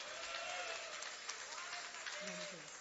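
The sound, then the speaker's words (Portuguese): An audience in a church claps together in dense, sustained applause to give glory to God, the clapping steady throughout, with faint voices rising near the end. “Agora que você desocupou as tuas mãos, palmas e glória a Deus. Glória a Deus com palmas.”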